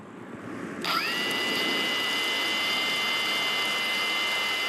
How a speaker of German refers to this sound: Der Soldat schaltet die Drohne ein und los geht's. Es ist eine gute Arbeitsdrohne.